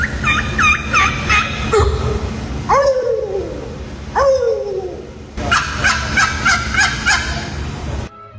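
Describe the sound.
Three people in a gobbling contest imitate turkey gobbles all together with loud, warbling, rapid trilled calls, broken by a few drawn-out descending yelps in the middle, then another burst of quick gobbling to finish.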